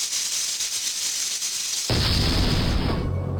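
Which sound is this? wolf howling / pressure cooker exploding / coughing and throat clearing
pressure cooker exploding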